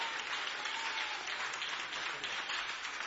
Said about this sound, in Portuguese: Nós te pedimos, te clamamos e te glorificamos, e a igreja diz: recebamos o servo do Senhor com palmas para o Senhor Jesus.